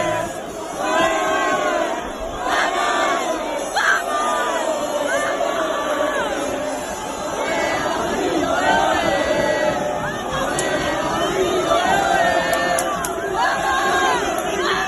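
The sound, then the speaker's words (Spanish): A large crowd of Unión Deportiva Las Palmas football fans chants and shouts in unison to welcome the team bus arriving at La Rosaleda before the match, a loud, sustained roar of voices with rhythmic rises and falls, heard from within the crowd. “Gritos de ánimo ante la presencia de la guagua a la llegada a la Rosaleda.”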